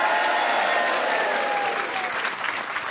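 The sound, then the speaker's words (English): Sustained applause from a live audience at the Spiegel Tent at the Edinburgh Festival, a dense wash of clapping hands that stays loud and steady throughout, with faint cheering mixed in. “It's Grant Stott here live from the Edinburgh Festival at the Spiegel Tent with a lovely live audience.”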